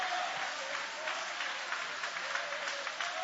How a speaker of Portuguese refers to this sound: Aplausos para Ele. Louva Ele. Exalta Ele. Glorifica o nome dEle.